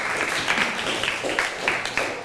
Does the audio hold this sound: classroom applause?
yes